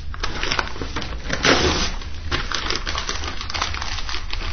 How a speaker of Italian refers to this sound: Vi renderete presto conto che le riviste politiche bruciano meglio. ed è effettivamente così, perché in questo momento stiamo alimentando il nostro fuoco con una bella rivista politica.